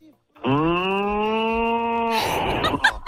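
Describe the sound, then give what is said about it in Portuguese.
A cow lets out one long, loud moo lasting nearly two seconds, steady in pitch, then breaks into a rough, breathy rasp at the end, played in the 'Alô, boi' bit on Massa FM radio. “Massa FM, alô, boi.”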